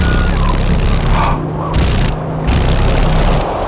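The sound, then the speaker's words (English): A loud, steady buzzing rattle of dragonfly wings vibrating rapidly at Alaska's Eagle River, with a low droning hum underneath and brief dips where the harsh upper hiss drops out. No talking. “Can you hear the vibration? Those wings are... There we go. ...vibrating pretty rapidly.”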